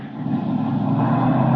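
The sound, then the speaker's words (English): A car engine roars loudly and steadily, a dense, rumbling motor noise that swells slightly and holds without pause, from the car Al Benton is in as it speeds along a winding road. No voices are heard. “Is Benton in that car?”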